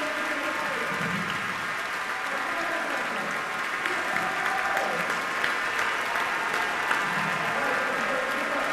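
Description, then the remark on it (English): Sustained applause from a large audience at an orchestra concert at Orchestra Hall in downtown Minneapolis, applauding the concertmaster and solo violinist Susie Park. It is a dense, steady wash of clapping hands in a reverberant hall that continues evenly throughout, without any voices rising above it. “That round of applause is for her.”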